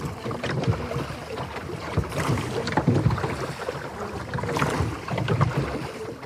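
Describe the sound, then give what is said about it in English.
Oars dip and pull through water in a steady rowing rhythm, each stroke bringing a splash and wooden creak, with a light wind rushing over the microphone. “How long have you been rowing this?”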